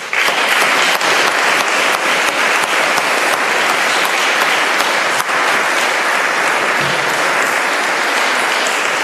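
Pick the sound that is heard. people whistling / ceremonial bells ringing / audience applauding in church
audience applauding in church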